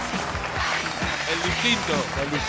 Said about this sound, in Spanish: Fuerte el aplauso para Lauti. Aplauso para Lauti.